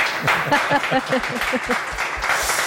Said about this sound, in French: le grand trissou de cette année, donc invité d'honneur, Gilles Roussel, mieux connu sous le nom de Boulet, qu'on applaudit.